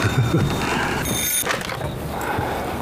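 A telephone rings in a short, bright electronic burst with a stack of high, steady tones, set against a constant hum of low background noise.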